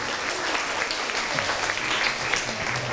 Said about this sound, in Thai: ขอเสียงปรบมือให้กับเพื่อนด้วยครับ